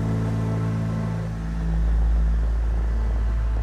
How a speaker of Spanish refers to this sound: Un coche lujoso negro brillante llega por ellos.